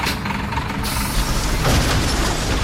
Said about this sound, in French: Ça commence très tôt. Quand le voisin jette sa poubelle dans la benne commune du quartier.